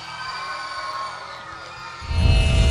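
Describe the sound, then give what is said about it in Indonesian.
A crowd cheers and whoops for the Fun Crew dance performance "Regeneration Awaken" over sustained high-pitched noise, swelling louder near the end as a deep rumble of noise joins in, with no clear talking. “Berikan tepukan.”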